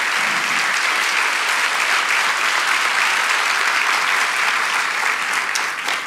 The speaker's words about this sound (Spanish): Vamos, si lo crees, dale ese aplauso a Jesús con todo el corazón.